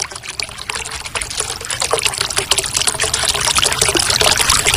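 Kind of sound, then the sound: household object, water running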